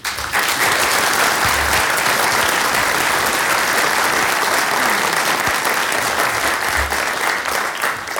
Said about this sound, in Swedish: Men innan jag gör det så tänkte jag även tacka de tjänstepersonerna som har hjälpt oss med att ro dessa möten i hamn och all annan kringpersonal, och så faktiskt en stor applåd till er.